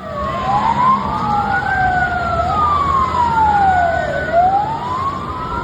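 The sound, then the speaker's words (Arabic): An ambulance siren wails loudly in the Gaza Strip as ambulances carry the dead and wounded from a strike on a house in Nuseirat refugee camp to Al-Aqsa Martyrs Hospital. Its pitch sweeps slowly up and down in long rising and falling cycles over a low rumble of engine and traffic noise. “استشهد شاب فلسطيني وأصيب آخرون جراء استهداف الاحتلال الإسرائيلي منزلا في مخيم النصيرات للاجئين وسط قطاع غزة، ونقلت سيارات الإسعاف جثمان الشهيد والجرحى إلى مستشفى شهداء الأقصى الحكومي وسط القطاع.”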